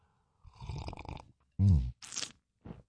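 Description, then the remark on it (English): Loud slurping of coffee in the morning: a drawn-out noisy sip, a deep gulping burst, then a hissy sharp slurp and one brief final sip, with no talking. “It's the morning slurp.”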